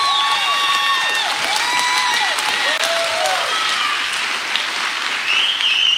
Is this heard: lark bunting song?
no